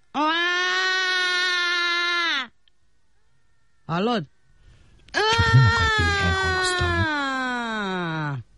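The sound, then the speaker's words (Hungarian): A voice imitates a baby crying to demonstrate how to cry: a long, steady wail, a brief spoken word, then a second drawn-out wail that wavers and falls in pitch, loud. “Minden csecsemő sír. Te miért nem sírsz?”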